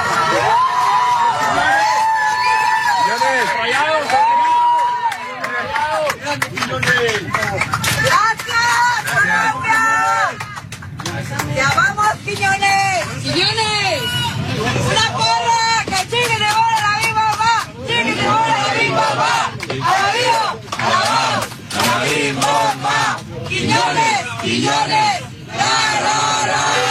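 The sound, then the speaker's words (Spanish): A loud, dense crowd of airplane passengers cheers, shouts and chants together aboard a public airplane as a man boards, rising in bursts of excited yelling and rhythmic chanting throughout. “El aplauso, la porra se gana. Quiñones se sube al avión y escuche lo que pasó.”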